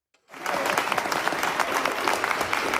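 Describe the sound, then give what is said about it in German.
A burst of spontaneous applause from a sizeable crowd starts abruptly and continues steadily, dense overlapping claps filling an indoor hall. It is at a conference in the Nuremberg Palace of Justice, as news from Oslo of the Nobel Peace Prize is announced. “Als die Nachricht aus Oslo bekannt wird, brandet spontaner Applaus auf und dann sogar kurzer Jubel, als die neue Friedensnobelpreisträgerin den Saal im Nürnberger Justizpalast betritt.”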